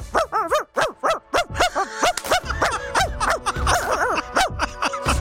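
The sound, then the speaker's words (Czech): A person imitates a chihuahua, letting out a rapid, continuous string of high, yappy barks and yips, loud, for about five seconds with no other talking. “Já mám skvěle čivavu, to pak čivavy koukají, kdo to štěká.”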